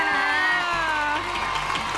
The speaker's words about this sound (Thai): และนี่ครับเกียรติบัตรครับขอเสียงปรบมือครับคุณชนะ